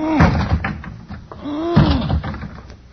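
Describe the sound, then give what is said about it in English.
Two heavy thuds of a man's shoulder slamming into a wooden closet door as he tries to break out, about a second and a half apart, each preceded by a strained, rising grunt from him. “I'm going to lunge at the door with my shoulder.”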